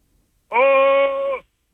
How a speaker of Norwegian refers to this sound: Ja, så hvis du bare holder det opp nå ganske tett inntil munnen din, og så må du rope, eller brøle helst da, ganske høyt. Ja. Ja, litt dypere stemme, du snill.